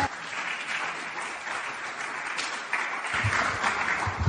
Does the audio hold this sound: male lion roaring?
no